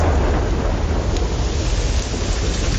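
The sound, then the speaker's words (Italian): Heavy, steady rain pours without a break, a dense loud hiss with a deep rumbling undertone, continuous for the whole stretch, with no voices. “Piove.”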